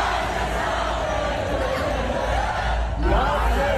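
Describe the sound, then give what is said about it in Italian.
Fans in the grandstands at the Dutch Grand Prix, Zandvoort circuit, Netherlands, sing a repetitive chant in unison, a dense, steady roar of many voices that stays loud and continuous from start to finish. “Il più celebrato, l'eroe di casa, Max Verstappen, ce ne torneremo col mal di testa a forza di sentirli tutti quanti cantare quel motivetto che sentite in sottofondo”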